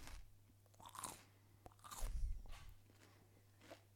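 Close, crisp crunching as someone bites into celery and chews, with several sharp snaps spread across a few seconds and a steady low hum underneath. Nobody speaks.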